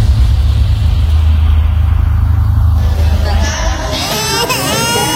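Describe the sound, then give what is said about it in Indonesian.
A steady low engine rumble fills the first few seconds, then a baby that has been fussy since the night before starts crying as it is brought to a midwife, a high, wavering wail that continues to the end. “Loh, itu anaknya kenapa nangis?”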